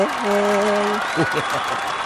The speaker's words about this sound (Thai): ขอเสียงนะครับปรบมือตอนรับ